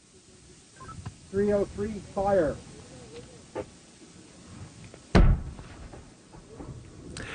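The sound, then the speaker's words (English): The noonday gun on Signal Hill fires a single loud cannon shot partway through, at five minutes after noon, with a deep rumbling tail fading over a couple of seconds. Brief voices and outdoor background come before it. “That is the firing of the noonday gun on Signal Hill, though today it's actually the 5 after noonday gun”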